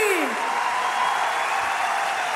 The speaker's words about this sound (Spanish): Un fuerte aplauso al Pancho Figueroa y al Polo Román de los Chalchas. Gracias a ellos.